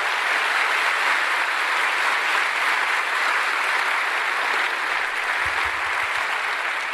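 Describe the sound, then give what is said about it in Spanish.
A crowd claps steadily and loudly throughout, a dense wash of many hands applauding together, with no one speaking over it. The applause shows the audience understands a teaching about salvation through Christ. “Denle un fuerte aplauso si se está entendiendo todo eso.”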